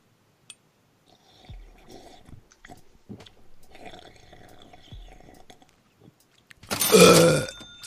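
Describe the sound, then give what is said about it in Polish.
A loud, low, rumbling burp erupts near the end, after several seconds of quiet slurping and mouth noises with faint clicks. “I jeszcze byknęła.”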